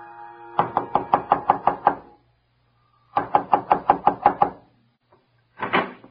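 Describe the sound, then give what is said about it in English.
Two loud rounds of rapid knocking on a wooden front door at Judge Prohl's house, each about eight sharp raps in quick rhythm, separated by a short silence, followed by one last brief burst of knocks. “When he turns in at Judge Prohl's house, he squares his shoulders, and before he knocks at the door, he straightens his tie and removes his blue felt hat.”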